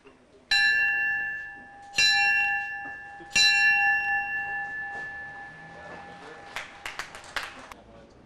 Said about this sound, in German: ich eröffne hiermit mit die Gewerbemesse mit 3 Glockenschläge.